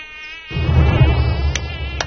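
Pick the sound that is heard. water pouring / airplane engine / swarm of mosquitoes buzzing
swarm of mosquitoes buzzing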